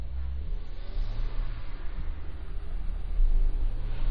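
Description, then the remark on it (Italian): Cars pass along Corso Geloni, a city street, in the evening in a steady traffic rumble, with deep engine noise that swells louder near the end as a vehicle goes by. No one speaks. “Che bello il Corso Geloni di sera. Ci sono le macchine”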